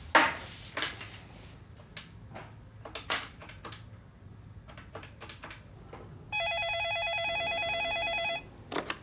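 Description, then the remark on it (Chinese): A landline telephone rings with a sustained, bright electronic trill lasting about two seconds, preceded by scattered clicks and knocks of handling objects. “不行啊，这手机没信号啊。 打座机呀、啊。”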